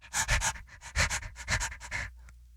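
A dog named Little Mitch, named after Mitch McConnell, sniffs and pants, a quick run of breathy, rhythmic huffs and snuffles that stop abruptly after about two seconds. No voices are heard.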